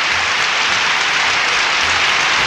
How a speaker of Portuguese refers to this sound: Mais palmas, oi, oi, oi.